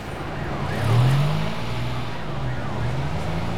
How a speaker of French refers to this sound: Les voitures démarrent. Les motos se faufilent. Les camions font rugir leurs moteurs. Mais quel bruit! Mais quel vacarme! Quel tohu-bohu!